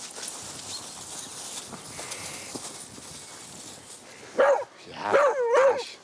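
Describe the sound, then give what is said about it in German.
After a few seconds of steady outdoor rustle, a dog being played with lets out a sharp bark, then a quick run of loud, playful, yelping barks. No one speaks. “Und jetzt spielst du mit dem Hund.”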